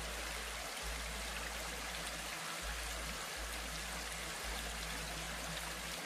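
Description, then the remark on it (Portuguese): Water of a clear river babbles and gurgles steadily over many stones in a shallow stretch, a continuous rushing with small trickles and splashes, no voices present. “Tem uns lugares com muitas pedras. E quando a água passa por ali, dá para ouvir uma conversa.”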